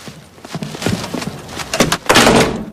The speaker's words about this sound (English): As Laura leaves, her bag briefly gets caught in the door, but she strides on out and down the stairs.